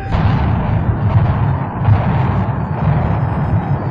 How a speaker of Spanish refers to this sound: El edificio se cimbra hasta sus cimientos. Una serie de explosiones siembran el pánico.